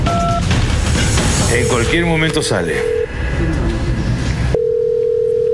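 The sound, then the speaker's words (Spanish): A telephone ringback tone hums steadily through a busy, noisy background, with a brief electronic warble midway, then continues alone as a clear, sustained tone after the noise drops away. “Si no contesta, intentamos una vez más. Vamos a intentar una segunda vez.”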